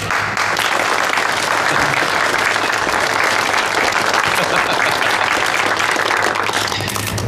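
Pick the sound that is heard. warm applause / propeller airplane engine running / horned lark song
warm applause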